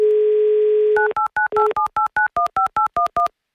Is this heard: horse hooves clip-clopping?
no